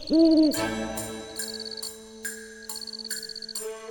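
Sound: owl hooting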